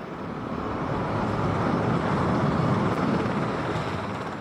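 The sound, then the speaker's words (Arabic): A continuous, heavy jet roar from US President Donald Trump's plane departing Washington for China, a steady low rumble with a hissing top that holds level throughout, loud, with no voices. “ونتابع الآن هذه الصور مباشرة لمغادرة طائرة رئيس الأمريكي دونالد ترامب العاصمة واشنطن باتجاه الصين.”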